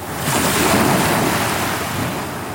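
ocean waves

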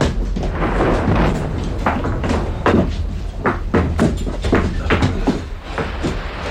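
door being opened

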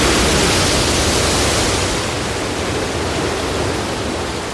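rushing floodwater

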